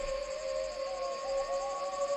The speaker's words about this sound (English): Well, if you said dingoes, you'd be right. Wild dogs are an ongoing issue in the Whitsunday Regional Council area and council's asking locals to be on the lookout.